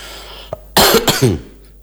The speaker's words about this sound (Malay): Oke, kita sambil menunggu, walaupun yang sehat nampaknya lagi batuk ini.